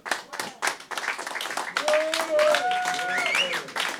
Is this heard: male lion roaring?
no